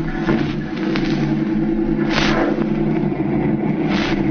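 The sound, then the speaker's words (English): A car engine drones loudly and steadily as the loaded car leaves, its low rumble swelling in a couple of brief revving surges as it accelerates. No voices. “They're loading the stuff into the car.”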